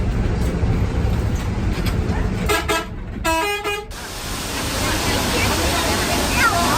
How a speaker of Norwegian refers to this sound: Det første vi møter lyden av vatten som spruter fra en berømt fontene.